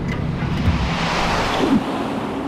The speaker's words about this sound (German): Wir zwängten uns durch das Loch. Das war der Eingang zum Zeitkanal. Ein Windstrom nahm uns mit.